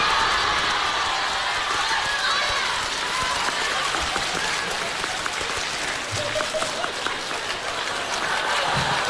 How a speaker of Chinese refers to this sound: 掌声不断，节目不断。哎，掌声热烈，给个来个大伙来个小绝活啥的。